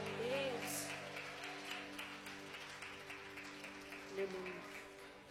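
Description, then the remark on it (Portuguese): An audience claps to welcome the worship group, in glory to Jesus: a steady, busy patter over sustained, droning keyboard chords, with faint voices mixed in throughout. “Vamos receber o grupo de louvor com palmas e glória para Jesus.”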